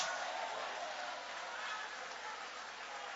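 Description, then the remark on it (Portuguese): Steady, dense applause from an audience applauding the name of God fills the whole clip, a continuous hiss of many hands clapping at an even level with no single claps standing out and no voice on top. “Você pode levantar a mão e aplaudir o nome dEle.”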